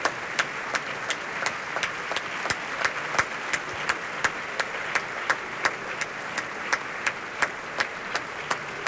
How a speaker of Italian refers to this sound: Ciro Viscoli porta in prosceno a prendere gli applausi, devo dire piuttosto calorosi, del pubblico del Costanzi.